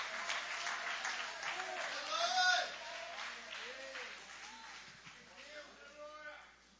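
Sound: audience applauding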